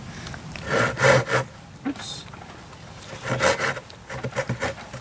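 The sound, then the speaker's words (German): A hand saw, used by a volunteer ranger maintaining hiking trails in Shenandoah National Park, rasps through wood in rough back-and-forth strokes, a couple of long pulls followed by a quicker run of short strokes. “Diverse Sägen hat er auch dabei.”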